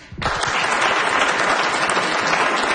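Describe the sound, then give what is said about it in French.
An audience in a hall bursts into applause in answer to a quick poll on who would like to lose weight: dense steady clapping that starts abruptly and holds at an even, loud level with a faint murmur underneath. “Allez-vous oser applaudir?”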